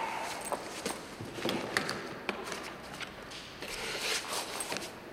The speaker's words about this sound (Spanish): El doctor abre la cartera y guarda sus papeles.